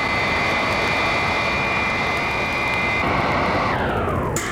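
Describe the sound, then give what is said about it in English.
A loud, steady jet-like engine of Wonder Woman's robot plane roars, then its high whine sweeps downward in pitch near the end as the plane slows to rendezvous with the Psi Women's command ship and hover. No one speaks. “Robot plane slow to rendezvous with ship and hover.”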